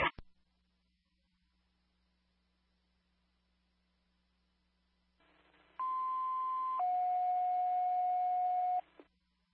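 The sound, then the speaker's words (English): Fire station house alert test tones over a fire dispatch radio, sent as a repeated test for an engine company: after a brief click and quiet hiss, a steady high tone sounds, then drops to a lower sustained tone, both loud and accompanied by static. “You can repeat that house test one more time.”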